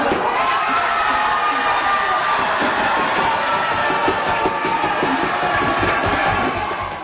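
A large crowd at a watch party at Spain's official headquarters at Lower Town in the Byward Market cheers and shouts in a loud, sustained roar after Spain beat France 2-0 in the World Cup semifinal, with whoops and excited voices blending together throughout before easing slightly at the end.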